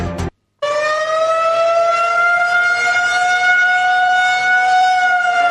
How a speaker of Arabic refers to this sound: وفي تطور متزامن، دوت صافرة الإنذار مجددا في عدد من بلدات الجليل الغربي شمال فلسطين المحتلة اعتبار رصد طائرات مسيرة أخرى وفق ما أفاد به إعلام العدو.